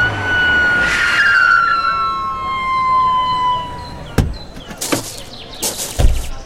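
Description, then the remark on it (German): An ambulance siren arriving at Crofton Park in Yeovil wails loudly with a steady, slowly falling tone for a few seconds, then drops away as sharp knocks and bursts of commotion take over. “Da, der Rettungswagen kommt.”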